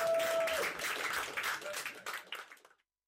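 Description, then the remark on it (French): A crowd applauds with dense, steady clapping that holds for a couple of seconds, then thins out and fades to silence; a brief whistle-like tone rings near the start. “Donc je pense que pour se détendre, on pourrait peut-être les remercier avec des applaudissements.”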